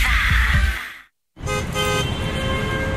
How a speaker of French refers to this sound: Eh ben voilà, ça recommence. Comme tous les jours à la même heure, on est dans les bouchons. Et ça klaxonne.